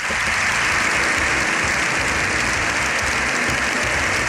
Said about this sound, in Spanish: Más de 7 minutos de aplausos, de ovación, se ha llevado el Papa León XIV en un abarrotado Congreso de los Diputados. Todos han aplaudido al pontífice,